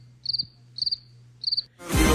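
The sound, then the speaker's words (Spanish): A cricket chirps three times, each chirp a quick trill of a few pulses, over a low steady hum, before a loud burst of rushing noise takes over. “Ahora sí lo va a mandar el grillo, oye.”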